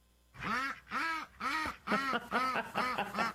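One of a household's ducks that have got loose quacks loudly, about seven harsh, nasal quacks in a quick series that grows slightly faster toward the end, with no other sounds around them.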